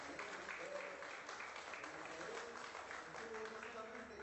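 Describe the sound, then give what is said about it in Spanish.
An audience breaks into sustained, steady applause for God, a dense wash of clapping that holds at an even level for several seconds, with a few voices murmuring and calling out beneath it. “Démosle un fuerte aplauso a Dios.”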